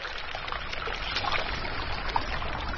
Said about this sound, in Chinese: 水源的地方就是这样的，这么小，很小的一条小溪，无数个小溪。还回到一次最后形成咱们看到的黄河、长江。